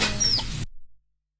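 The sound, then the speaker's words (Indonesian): A brief burst of chicken clucking with a thin squawk on top lasts about half a second, then cuts off into silence. “Malah wawancara sama ayam beneran.”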